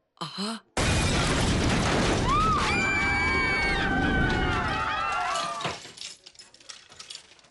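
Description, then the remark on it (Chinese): A sudden loud explosion at the Jinling Network Company bursts in and roars on as a sustained rumbling blast with shattering debris, while a high wailing siren-like tone rises over it before the noise fades into scattered clatter. “动二三报告，动二三报告，金陵网络公司发生爆炸，金陵网络公司发生爆炸，伤亡不明，请求支援，请求支援。”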